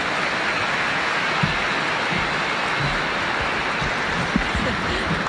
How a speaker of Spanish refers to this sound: Les van a entregar un pequeño reconocimiento, les damos un fuerte aplauso, damos gracias al Señor.